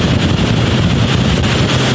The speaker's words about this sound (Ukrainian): Військові на катері прямують до визначеної точки.